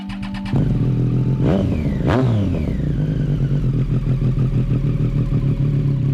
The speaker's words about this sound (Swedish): Molnen skuggar solen en aning när Bob Dylan hoppar upp på sin motorcykel och åker iväg. Det är en fredagsmorgon i juli 1966.